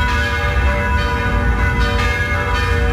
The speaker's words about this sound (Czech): Začaly znět zvony všech pražských kostelů.